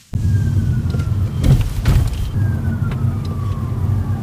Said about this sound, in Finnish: Etäältä lähestyvän hälytysajoneuvon sireeniä muistuttavat vinkaukset kuuluvat, kun jalan nostaa kaasupolkimelta. Citroen EC3 ottaa energiaa talteen.